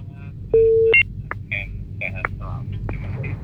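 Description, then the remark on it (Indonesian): A steady telephone line tone sounds for about half a second as an incoming call is taken, then short clicks and beeps follow over a low electrical hum, with faint voice-like line noise afterward. “Terus ada lagi dari ada telepon ya, kita terima dulu.”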